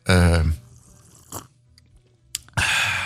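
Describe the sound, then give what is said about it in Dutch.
A voiced, throaty sound opens, followed by short wet noises and a final loud, hissing slurp of barista coffee drawn in through the lips, with no speech. “Zonder die vieze, vieze slurp kunnen we niet verder.”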